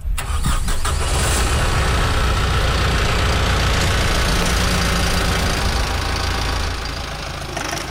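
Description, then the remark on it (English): A tractor engine runs steadily and loud as it makes rows on a farm during cabbage planting, a low, rumbling drone with a slight knocking texture that holds for several seconds before easing off a little at the end. “As one team member was using a tractor to make rows, another was using a planter to make holes to put the plants in.”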